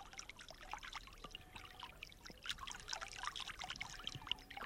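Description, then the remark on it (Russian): A small stream, the Okervil river in a green grove, trickles and babbles steadily, with dense bright splashing and gurgling, continuous throughout with no voices. “В одном из таких оазисов мне и посчастливилось, наконец, услышать голос речки Окервиль.”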